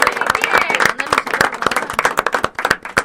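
Audience applause, a dense burst of many hands clapping at once in an uneven, crackling patter that stays fairly loud throughout, with faint voices mixed in underneath.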